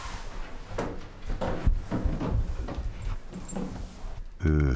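A metal transport crate holding two young coatis is set down in a hallway and its door unlatched and swung open, with a series of sharp clanks and rattles, followed by a brief low hum at the end.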